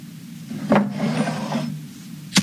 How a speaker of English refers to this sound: Let me just grab that candle from the desk and light it.